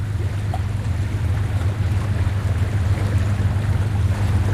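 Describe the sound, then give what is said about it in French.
A small boat's motor drones steadily as it heads up the Rio Negro toward Cajatuba, Lago d'Ubi, 65 km away, with a constant low hum and a wash of water and wind noise rushing around it the whole time. No one speaks. “C'est formidable, on va partir avec notre petit bateau maintenant, remonter le Rio Negro jusqu'où?”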